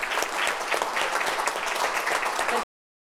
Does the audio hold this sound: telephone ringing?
no